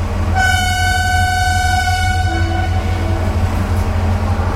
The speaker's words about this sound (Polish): Z jakimi historiami kojarzy wam się gwizd lokomotywy i stukot kół pociągu?